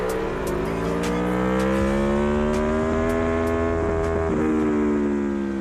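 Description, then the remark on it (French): A motorcycle engine accelerates with a loud, continuous roar while the rider powers out of the Chapelle bend, leaned over. Its pitch climbs steadily over several seconds and then holds high, with no voices present. “La moto doit être très stable.”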